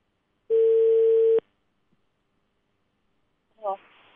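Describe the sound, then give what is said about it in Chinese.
A single steady, mid-pitched telephone ringback tone lasting about a second, from a call to the Beihu District People's Government office placed live on a Hunan Traffic Channel radio hotline show, then a pause of silence before a brief voice picks up at the end. “来打一下北湖区，北湖区政府办的电话。”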